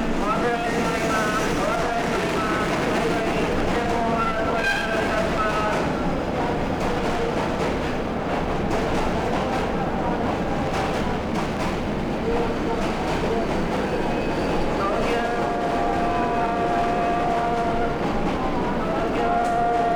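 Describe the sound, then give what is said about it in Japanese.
A busy platform at Tokyo Station, recorded in mono, with steam and electric trains constantly arriving and departing from many platforms: a steady, dense rumble of engines and wheels, with tonal whistles or horns sounding through and a faint murmur of people. “これはモノーランで録音した東京駅の風景です。たくさんのプラットフォームから絶えず汽車や電車が発着していますが、これをステレオの録音と比べてみましょう。”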